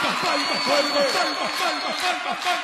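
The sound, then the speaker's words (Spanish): An audience at a live recording of the show Bomba claps steadily throughout, a dense wash of hand claps mixed with many overlapping voices calling out and chattering, fairly loud and sustained for the whole stretch. “palmas arriba de todos.”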